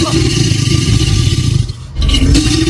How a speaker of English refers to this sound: Well done if you've worked out our creature calling in is an alligator. Well done if you said alligator.